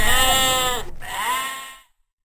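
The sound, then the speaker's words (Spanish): A sheep bleats twice in quick succession, loud, each call a wavering, nasal baa; the first is longer and the second rises then fades out, with no talking. “Cuando el pastor trajo de regreso la oveja perdida, él y sus amigos estaban felices.”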